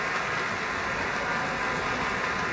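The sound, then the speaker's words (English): Concert audience applause for Gabriela Montero, Alexander Shelley and the Pacific Symphony after Piano Concerto No. 1, at the orchestra's third concert of its 2025-26 season: a dense, steady wash of many hands clapping at even strength throughout, with no voices or music over it. “More applause for Gabriela Montero, Alexander Shelley, and the Pacific Symphony.”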